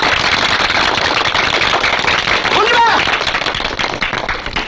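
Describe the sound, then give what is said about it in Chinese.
A group bursts into loud, dense applause, a steady crackle of many hands clapping for several seconds, with a brief voice rising through it midway. “我提议大家鼓掌，在这里鼓掌。”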